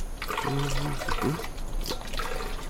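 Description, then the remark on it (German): Water glugs and splashes as well water is poured from a water canister into bottles to refill them in the desert, the pitch rising as they fill, in a couple of steady pours lasting a few seconds. “Wir füllen sie nur schnell auf. Ja, bitte, hier ist der Wasserkanister.”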